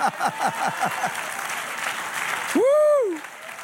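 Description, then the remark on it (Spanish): A large church audience claps steadily in a dense, sustained wash of applause after the preacher asks for another round, with scattered voices calling out and one loud rising-and-falling shout near the end. “Dale otro aplauso.”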